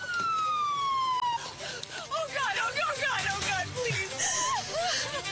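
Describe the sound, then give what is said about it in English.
An ambulance siren at Cedars-Sinai Medical Center sounds a loud, steady falling wail for over a second as a patient is brought in, then gives way to busy, overlapping murmuring voices and warbling high cries filling the rest. “Okay, so you see Cedars-Sinai Medical Center, and here's the ambulance, and they're bringing her in.”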